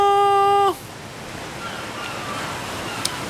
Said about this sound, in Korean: 이야, 파도 소리만 들어도 너무 좋다.